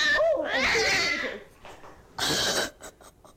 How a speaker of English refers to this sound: You could hear the cat give warning shots. Oh, but do you hear the moment where it goes, the low growl, and then, oh, that's when the cat smashed her in the face with claws out.